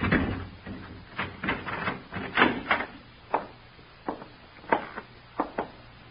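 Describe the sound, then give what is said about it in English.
A door is unlocked with a key and opened: a run of sharp clicks and clunks from the key and latch, spaced irregularly, over a faint low hum with no talking. “Here, open the door. Keys, sir?”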